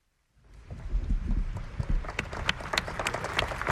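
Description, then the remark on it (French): Applause from a crowd after a homily delivered by Pope Leo XIV in Paris, near an open-air cathedral, swells up after a moment of silence: a dense patter of clapping that grows steady and sustained, with sharp individual claps standing out, and no voices. “Les applaudissements et aussi le recueillement qui va suivre de cette homélie prononcée par le pape Léon XIV.”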